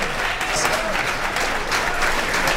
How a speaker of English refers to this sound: Thank you. Let's give another nice round of applause